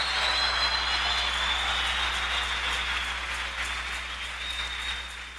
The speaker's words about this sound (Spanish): Un aplauso al que da el crecimiento.